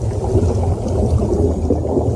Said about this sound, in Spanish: Estamos bajo el mar.